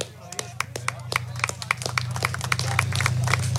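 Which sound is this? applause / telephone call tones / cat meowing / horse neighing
applause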